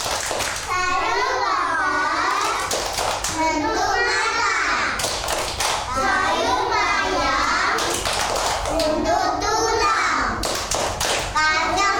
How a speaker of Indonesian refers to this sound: Oke, coba Miss ajak dulu tepuk sayur. Tepuk sayur.